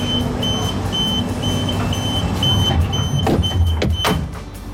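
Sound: train departing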